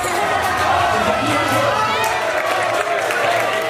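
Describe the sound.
A large crowd of Spain fans cheers and shouts in a street after the final whistle of Spain's 1-0 win, a dense, steady roar of many overlapping voices that stays loud and unbroken throughout.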